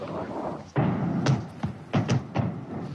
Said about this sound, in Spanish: ¿Has oído las explosiones? Sí, justo ahí. El polígono se encuentra justo detrás de esa colina.